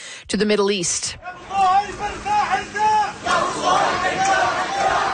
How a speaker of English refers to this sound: That is the sound of a funeral procession moving through Gaza City today.